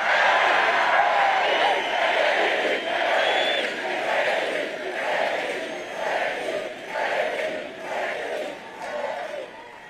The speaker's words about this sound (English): I gotta say, it's pretty cool to hear a crowd that is this fired up chant your name. So go ahead and do it again.